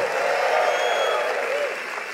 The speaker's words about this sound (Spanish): Un aplauso a la palabra de Dios. Vamos, más fuerte, acompáñala con un grito de júbilo.